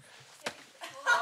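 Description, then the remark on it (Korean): A fist lands once on a person during an aikido martial arts demonstration: a single sharp smack, followed by rustling movement and a louder burst of breathy noise. “이거 뭐야? 막 그냥 맞은 거잖아요.”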